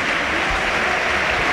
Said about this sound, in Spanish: Toni Martínez aplaude Mendizorroza, se va ovacionado y vamos a ver si no es grave el delantero.